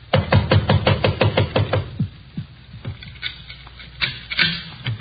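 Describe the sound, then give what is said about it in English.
Police officers try the handle of a locked door: a rapid burst of rattling knocks, about a dozen quick jolts in the first two seconds, then a few scattered, softer clunks and thumps, with no one talking. “Try the door.”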